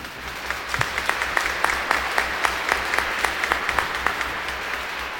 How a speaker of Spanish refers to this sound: Amén. Un aplauso para nuestra Madre.